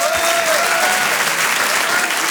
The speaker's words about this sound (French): Le Rire et Chanson Comedy Club. Je lui demande de l'applaudir lui aussi très fort. Voici Denis Maréchal.